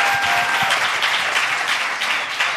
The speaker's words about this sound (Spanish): muy bien, un aplauso por favor.